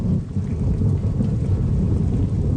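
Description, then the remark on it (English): A steady thunderstorm with heavy rain in Syria, deep rumbling thunder rolling continuously beneath a dense wash of falling rain, loud, with no voices. “These days, most of his optimism comes from something else, though. Rain.”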